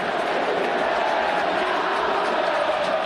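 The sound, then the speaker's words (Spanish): Estudiantes football fans cheer and chant together in support of goalkeeper Fernando Mulera after he saves a penalty, a dense, steady roar of many voices that stays loud and unbroken for the full three seconds. “Y los hinchas, con su grito estentorio también, le ratifican el respaldo y la confianza a Fernando Mulera.”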